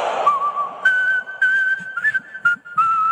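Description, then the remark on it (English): A man whistles a short tune alone, clear, with a few sustained notes and extra flourishes, broken by brief pauses and slight pitch slides between phrases. “whistling should be reserved for …”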